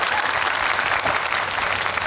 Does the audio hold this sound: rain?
no